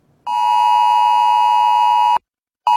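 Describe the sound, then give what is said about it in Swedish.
A loud, steady electronic alert tone from a mobile phone, the Swedish Hesa Fredrik public warning signal for serious crisis situations, sounds for about two seconds, cuts off abruptly, then starts again after a short silence. No voices are heard. “Ja, så kommer det att låta i mobilen vid en allvarlig krissituation när Hesa Fredrik nu får digital uppbackning.”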